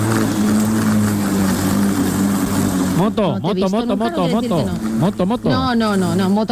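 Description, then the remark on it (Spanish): A vacuum cleaner drones loudly and steadily with a constant motor hum and airy hiss; after a few seconds, voices talk over the continuous whir. “Claro, tengo que pasar la aspiradora”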